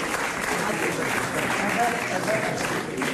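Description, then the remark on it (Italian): Steady applause from an audience fills the space, a dense, continuous patter of many hands clapping without pause. “Grazie, un bel applauso!”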